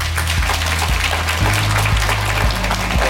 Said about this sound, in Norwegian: Gi deg en applaus!